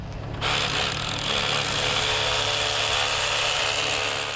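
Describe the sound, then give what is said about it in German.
A power drill whirs to life after a brief pause and grinds steadily into a wall, boring holes for dowels on the first level while anchor irons are being fixed, its loud, rough buzzing holding without a break until the end. “Gebohrt und gedübelt wird nur auf dieser ersten Ebene.”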